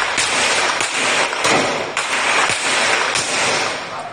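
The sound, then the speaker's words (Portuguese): Several sharp gunshots crack out at irregular intervals over a loud, steady wash of outdoor noise, the bangs echoing around buildings, during a morning police operation against a criminal faction in the Complexo da Maré, Rio de Janeiro, Brazil. “O dia amanheceu sob tiros no Complexo da Maré.”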